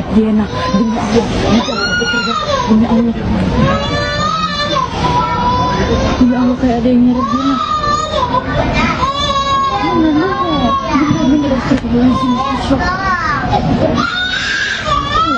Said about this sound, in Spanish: Los gritos de la bebé hace de que una persona mayor la escuche e inmediatamente llegue al lugar para verificar qué era lo que estaba pasando con la menor.